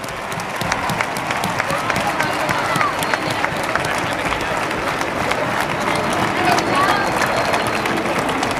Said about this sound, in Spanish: El aplauso.